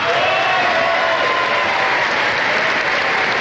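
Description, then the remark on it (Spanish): Loud, sustained applause from a large crowd in an assembly hall, given when former president Álvaro Uribe's name was announced: a dense steady roar of clapping with faint cheering mixed in and no break in intensity. “Sin embargo, la presencia del expresidente Álvaro Uribe alejó ciertas dudas sobre posibles enfrentamientos, aún más con los aplausos que se dejaron caer cuando mencionaron su nombre en el recinto.”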